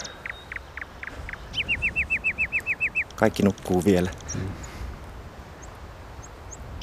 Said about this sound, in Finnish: Toi on satakieli.